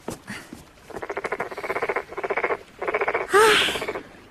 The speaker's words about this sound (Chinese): 蛤蟆大哥，难怪那王玉烦你呢，还真是有点闹人呢。